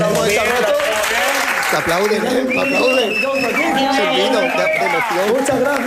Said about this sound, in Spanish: Aplauden, muchas gracias a todos. El aplauso del público como que engancha, ¿no?